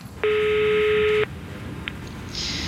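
telephone call being dialed

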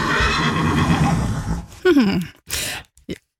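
horse neighing

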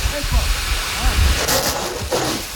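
water spraying

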